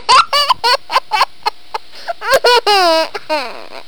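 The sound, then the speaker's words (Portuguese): A chicken clucks in quick, loud, laugh-like bursts, about a dozen choppy calls, then stretches into a longer wavering squawk before a few final clucks. “segura essa galinha aí, moço.”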